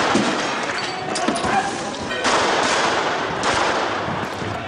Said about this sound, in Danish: Skyd efter benene, råber politiet under de voldsomme gadekampe. De autonome kaster med brosten mod politiet, og så er det så, politiet skyder for første gang i fredstid mod demonstranter. Mindst 113 pistolskud bliver affyret.